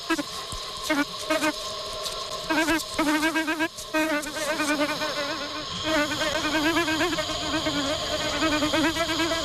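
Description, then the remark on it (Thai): A steady buzz of a male bee hums for the whole stretch, its harmonic drone wavering and pulsing as the bee flies around, loud and continuous with brief dips in intensity. “แต่ผึ้งตัวผู้นั้นมีความจำสั้นและมันกำลังหลงกลเข้าให้อีกแล้วแต่ความแตกต่างเดียวก็คือคราวนี้มันเอาเกสรมาส่งแทน”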